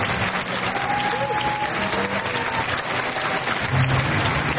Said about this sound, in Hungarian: Amikor belépett a terembe, a közönség állva tapsolta.